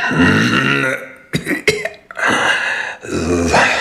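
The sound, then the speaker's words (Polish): A deep, rattling smoker's cough caused by cigarette smoking: long, gravelly hacking fits broken by a few sharp, quick coughs in the middle, loud and phlegmy, with no talking. “To mój kaszel.”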